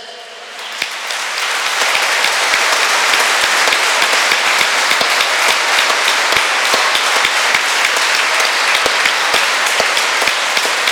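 Sustained crowd applause, many hands clapping in a dense, steady wash that swells in the first two seconds and stays loud throughout, with no voices.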